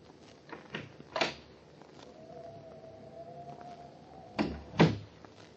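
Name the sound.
door being opened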